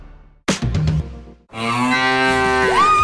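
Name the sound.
cow mooing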